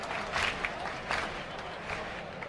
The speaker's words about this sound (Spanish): Y ahí le responden con las palmas por bulería.